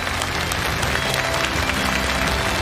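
A steady wash of audience applause, many hands clapping at once in a dense, crackling roar that holds an even loudness throughout, with no voices standing out.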